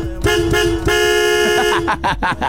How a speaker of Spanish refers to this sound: ¡Pítale! ¡Dale, dale con el claxon, mi buen producer!